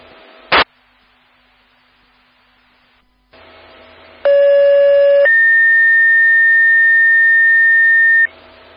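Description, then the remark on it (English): Fire dispatch radio paging tones for South Haven Fire, calling out to a carbon monoxide alarm: after a sharp squelch burst and faint static, a loud lower tone holds for about a second, then a higher steady tone sounds for several seconds before cutting off. “Central, we had tones, no voice.”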